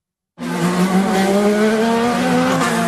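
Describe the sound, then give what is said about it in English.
An IndyCar race car engine roars in loudly after a brief silence, its steady high-pitched whine sustained for a few seconds, with a hint of tire squeal and no voices, as cars race at almost 200 miles an hour through Washington streets converted into a race track. “Cars are roaring through streets more accustomed to presidential motorcades.”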